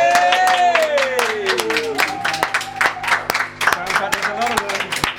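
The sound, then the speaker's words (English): Sharp claps ring out in a steady, fairly loud burst of applause from a small group of engineers on the Hello Goodbye Show, applauding a stripped-down live band session, with sustained voices and tonal cheering carrying over the clapping. “Maybe our engineers might open the door and do the usual, where I ask them to lend their applause to the live performance.”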